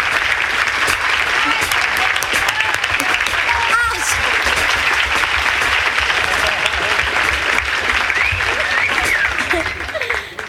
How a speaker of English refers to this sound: Would you please, a warm round of applause